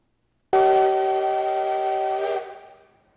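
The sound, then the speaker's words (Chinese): The whistle of the CT273 steam locomotive blasts once, loud, holding a steady, breathy chord for about two seconds before trailing off with a hiss, as thick black smoke rises at Yuli station in Hualien, Taiwan, during the locomotive's first run in midsummer 2026. No voices accompany it. “随着汽笛声响起，浓浓黑烟升起，花莲玉里火车站的月台瞬间变成了铁道迷朝圣的现场。”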